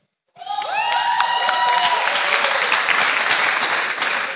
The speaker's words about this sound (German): Es macht mehr Effekt, wenn man aufsteht und jubelt. Dann merkt man wirklich, dass ihr da seid, gell?